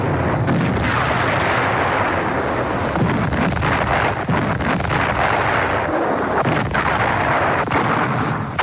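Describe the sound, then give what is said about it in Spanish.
A continuous, loud roar of artillery cannon fire and explosions, with heavy booms striking every second or two over a dense rumbling din; no voices. German guns of all calibres fire on the Allied fleet approaching the western coast of Europe. “Mientras las poderosas unidades de la flota aliada se acercan a la costa occidental de Europa, cañones alemanes de todos los calibres inician su enérgica reacción.”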